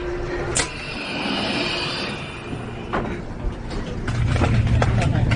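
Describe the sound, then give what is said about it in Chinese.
Steady low rumble and hum inside a passenger train travelling from Venice to Milan, Italy, with a few sharp clicks and knocks and indistinct background voices. “我们呢现在去米兰的火车上”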